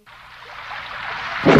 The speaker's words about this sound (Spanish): Afuera llueve